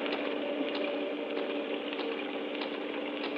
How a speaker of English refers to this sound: This rain seems to be getting worse.